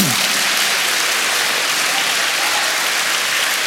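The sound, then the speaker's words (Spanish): A church audience claps their hands for the Lord in a dense, steady wash of applause that stays loud and even throughout, with no voices rising above it. “Dele palmas al Señor.”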